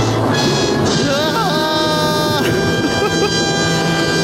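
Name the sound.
fart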